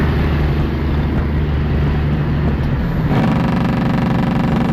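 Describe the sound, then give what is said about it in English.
A loud truck engine rumbles steadily, then breaks into a harsh, rapid staccato rattle of the truck's engine brake (Jake brake), the pulsing growl continuing to the end with no voices. “That's why there's signs that say no Jake brake, because it makes the truck really loud.”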